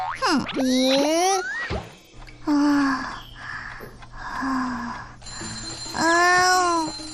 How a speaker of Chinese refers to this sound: 帮我关一下闹钟。